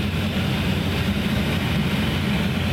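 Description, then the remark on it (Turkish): A firefighting aircraft's engine drones steadily overhead in the early morning, giving air support to ground crews fighting a forest fire at Dutluluk, a loud, continuous low rumble with a broad roar on top, holding an even level throughout with no voices. “Sabahın erken saatlerinde karadan yapılan müdahaleye havadan destek verildi. Helikopterler, uçaklar peş peşe havalandı.”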